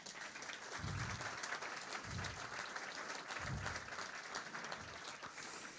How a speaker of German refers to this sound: Und ich finde, das ist auch mal ein Applaus wert, dass er hier ist.